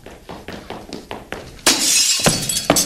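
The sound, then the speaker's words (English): A run of quick, evenly spaced knocks gives way to a loud crash of window glass shattering, its bright, hissy spray of shards lingering with a couple of further crunching impacts, as someone locked out comes in through the window. “I come through the window.”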